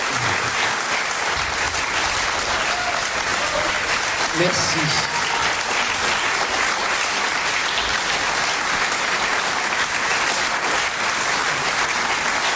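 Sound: audience applause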